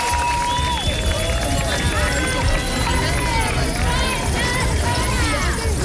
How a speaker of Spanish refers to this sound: Escucha usted, ¿verdad?, de fondo el tintineo de las llaves. Así, miles de personas han vuelto a manifestarse este domingo en decenas de ciudades